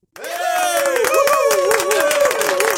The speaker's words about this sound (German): dieser Applaus ist für alle, die ich sonst noch dran hatte am Telefon und bei WhatsApp